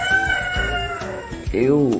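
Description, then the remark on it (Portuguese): A rooster crows, its long, harmonic call rising and falling near the end, after a few shorter bird calls over a steady background. “Olha o galo vazio.”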